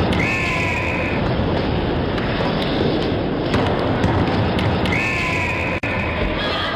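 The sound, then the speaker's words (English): Two shrill blasts from a Fox 40 referee whistle, each lasting about a second, cut through the steady roar of a loud crowd, one at the start and one near the end. “The Fox 40 whistle.”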